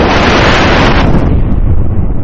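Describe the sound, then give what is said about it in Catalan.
Loud, roaring wind of a strong storm outdoors blasts the microphone, a dense rushing noise that eases slightly after the first second but keeps howling steadily throughout, with no voices. “I ara, a fora, una forta tempesta tenyeix el dia de negror.”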